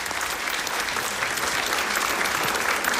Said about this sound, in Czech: Panové, potlesk pro vás, protože to je něco